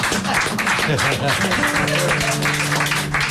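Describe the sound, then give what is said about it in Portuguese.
A dense, steady round of applause fills the whole few seconds, loud, with voices talking and calling out over the clapping. “E obrigado a todos, e uma salva de palmas para mim.”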